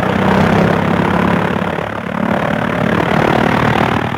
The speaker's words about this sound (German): Der Motor rattert, knattert, huppt, jetzt steigt das Flugzeug in die Luft.